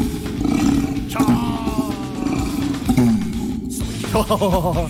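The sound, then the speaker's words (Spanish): An orangutan call: loud, rough roaring bellows with rising and falling pitch, repeated through the whole stretch and dominant, ending in a series of quick pulsing groans. “Yo tengo acá The Real Orangután.”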